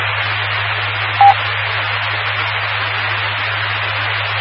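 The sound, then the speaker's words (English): A short electronic telephone beep sounds once over a steady bed of line static and low hum, with no talking. “And there's the phone, so that's all I got.”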